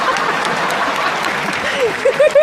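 Steady audience applause, a dense wash of many hands clapping at an even level, with a few voices rising briefly near the end.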